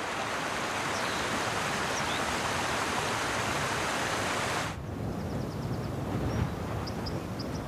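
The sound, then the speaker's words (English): Steady rushing of a river in Scotland's Caledonian Forest, loud, with broad hissing turbulence that softens partway through; faint high bird chirps flicker above the flow near the end. “His knowledge of this living place and its bubbling waterways will keep him safe.”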